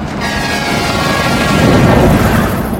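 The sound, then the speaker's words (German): A truck speeds past a person at the roadside with a loud, broad rumbling roar that swells toward the middle and eases slightly at the end, with a faint engine whine early on. No voices. “Ein Lastwagen rast an ihr vorbei.”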